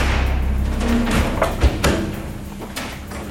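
A heavy armored blast door weighing several tonnes, with hinges 20 cm by 10 cm, swings shut with a deep, resonant thud, followed by a couple of metallic knocks and a low rumble, with no talking.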